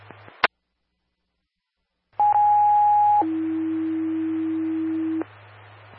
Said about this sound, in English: standby for tones.